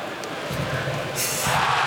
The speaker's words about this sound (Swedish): Här var ett mindre diskret jubel i Timrå som gör 1-1. I numerärt överläge de också.